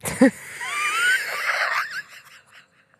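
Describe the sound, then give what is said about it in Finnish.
A sharp cough bursts out, followed by a long, raspy wheezing breath with whistling, shifting tones, then a second abrupt cough right at the end. “Meillä on laitettu mikin kiinni, että sun yskäsy ei kuulu. Kuuluuko se? Se kuuluu ihan tosi kovaa.”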